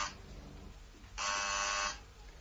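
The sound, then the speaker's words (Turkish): A harsh electric doorbell buzzer at a woman's front door, rung by one of four police officers, rasps loudly for nearly a second, preceded by a brief, fainter buzz at the very start, with a low hum underneath and no talking. “İşte biri kadının kapısını çalıyor.”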